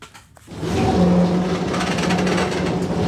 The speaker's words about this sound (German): Langsam ruckelt die blaue Straßenbahn die Küstenstraße entlang. Tram nennen die Einwohner von Alexandria sie liebevoll.